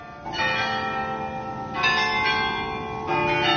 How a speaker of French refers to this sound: Et dans le silence, arriva un bruit de cloche, toutes les cloches à la fois, qui se remirent à tinter pour la rentrée de la procession à la chapelle du Saint-Sang.